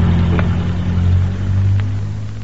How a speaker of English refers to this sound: There goes another car past without stopping. Why don't some of them stop?